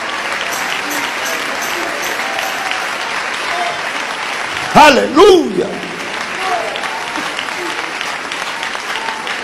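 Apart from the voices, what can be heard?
audience applauding in praise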